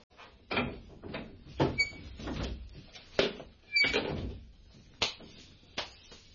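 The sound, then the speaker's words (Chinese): A door is opened with a series of wooden clunks and thumps, along with a brief creak, as someone opens it to come in, spread over several seconds with no one speaking. “你开门入嚟啦。”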